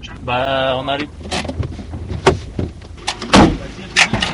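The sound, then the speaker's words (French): A military 4x4 rumbles low and steady along a badly potholed road under a thick fir forest, jolted by a run of sharp clunks and rattles, with a brief wavering whine at the start. “Après avoir franchi des barrières de barbelés, le 4x4 militaire, sous le couvert d'une épaisse forêt de sapins, emprunte une route bien cabossée qui permet d'accéder à une clairière.”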